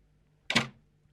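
A single sharp door sound, a quick knock-like thump that rings briefly and fades within a fraction of a second, against quiet with a faint low hum, as someone pushes another person away from the door and enters an apartment.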